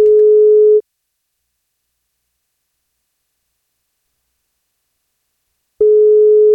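A telephone ringback tone as the NFM radio show calls a listener for a birthday wake-up call: a steady mid-pitched beep, under a second long, then about five seconds of silence before the same tone sounds again. No one speaks.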